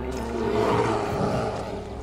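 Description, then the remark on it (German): A roe deer's rough, drawn-out call rises in the woods over a steady low rumble of background noise, lasting about two seconds with no talking. “Ist bestimmt nur ein Reh.”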